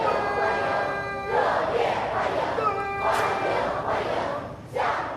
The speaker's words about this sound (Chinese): 青少年热情欢呼致意， 热烈欢迎！ 71勋章获得者沿着红毯涉级而上，进入人民大会堂。